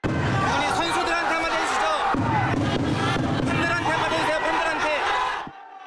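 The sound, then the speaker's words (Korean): A dense, noisy crowd of football fans at an airport fills the space with overlapping shouting and jeering voices, booing and chanting for former national team coach Hong Myung-bo to leave as he arrives, loud, sustained for several seconds before cutting off abruptly. “홍명보 전 감독이 나오기 전부터 팬들은 홍명보 나가를 외치기 시작했고 야유 속 등장한 홍 전 감독은 취재진의 질문에 아무 답변 없이 공항을 빠져나갔습니다.”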